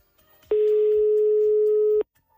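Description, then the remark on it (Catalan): A single long ringback tone on an outgoing phone call made from the radio station Premià Mèdia to a listener, a steady electronic beep lasting about a second and a half, loud, with faint background noise before and after. “Tenim ja el telèfon sonant.”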